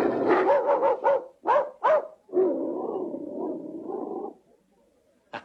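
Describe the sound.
A person imitates a dog, with a quick run of five yappy barks, two louder separate barks, then a long drawn-out growling howl that trails off, and a final short yip.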